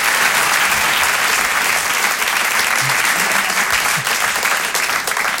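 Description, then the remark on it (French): Loud, sustained applause from a large audience welcoming a comedian onto the stage for his show, a dense steady wash of clapping that fills the whole clip without pause, enveloping, with no speech over it. “Je vous laisse découvrir son travail, je vous demande un tonnerre d'applaudissements également”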